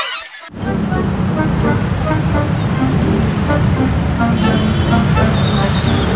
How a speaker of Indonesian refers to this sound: Aduh, mana macet lagi.